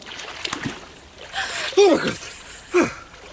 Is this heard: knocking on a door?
no